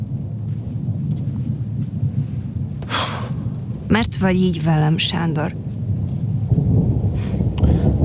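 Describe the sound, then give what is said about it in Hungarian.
Steady rain hisses throughout with a low rumbling undertone, a constant wash of outdoor weather noise, heard from under a porch. Midway through, a person speaks briefly over it. “Álljunk be ide erre a tornácra. What? A tornácra? Ide! Itt nem esik az eső.”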